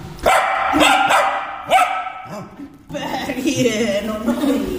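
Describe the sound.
A dog barks several times in quick, sharp bursts, then the barking gives way to speech continuing over the end.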